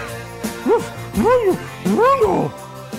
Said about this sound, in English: Quick, teach your dog how to bark bingo.